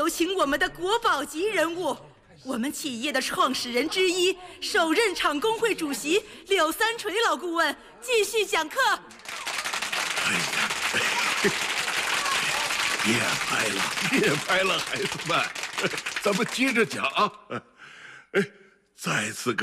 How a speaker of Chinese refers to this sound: 各位新员工，让我们用热烈的掌声。